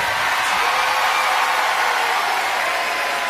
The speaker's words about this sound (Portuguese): Um forte aplauso para ela.